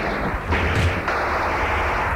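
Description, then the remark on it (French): A few sharp gunshot bursts ring out amid shouting and a dense, roaring wall of noise, the shots clustered early on and blurring into the loud, continuous din that fills the rest. “On entend des cris, des coups de feu.”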